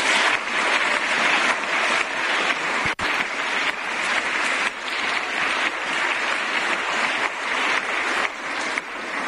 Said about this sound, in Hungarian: Köszönjük szépen nekik, és hát köszönjük szépen a nagymarosiaknak, hogy befogadtak bennünket. Ők is egy nagy tapsot megérdemelnek.